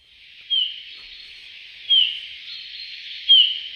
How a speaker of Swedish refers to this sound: Ja, det där är en domherre skulle jag säga. Men jag skulle inte kalla det för sång utan för ett lockläte. Och det var i alla fall lockläte då med långsamt modulerad vissling.